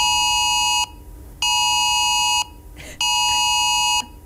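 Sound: phone emergency alert tone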